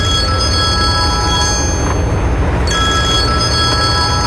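A telephone rings with a steady, high electronic tone, breaking off briefly midway before resuming, loud and close over a constant low rumbling background.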